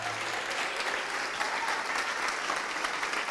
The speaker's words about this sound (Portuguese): E vamos aplaudir ao Senhor Jesus por cada vida que está chegando. Isso, venha, venha. Vamos aplaudir, vamos aplaudir. Olha, está vindo. Vamos aplaudir porque está vindo. Vamos aplaudir. Vamos aplaudir porque está vindo mais.